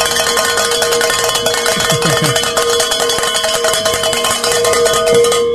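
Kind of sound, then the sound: bells being rung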